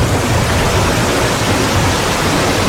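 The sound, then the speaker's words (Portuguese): Steady, dense rain pours down over Ponta Grossa, Paraná, Brazil, in a continuous loud hiss, with no distinct drops or pauses and no voices over it. “É isso aí, chove sobre Ponta Grossa”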